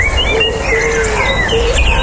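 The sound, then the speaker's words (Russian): Outdoor park ambience filled with overlapping birdsong: several birds chirp and warble in thin, high tweets over a steady low background hum, with no voices. “А это парк.”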